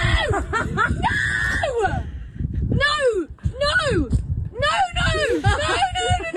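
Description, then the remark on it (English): A woman screams loudly and repeatedly, high-pitched startled shrieks of "No!" that rise and fall, mixed with breathless laughter-like bursts over a few seconds. It is her reaction to a friend jumping out of a box to surprise her. “Now she screamed no in my face for like a good 5 minutes, and I've seen people surprise people before, and they sort of back away.”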